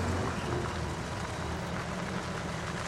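A truck's engine rumbles steadily on a road in a broad, low drone, holding at a constant level without passing or fading, with no voices.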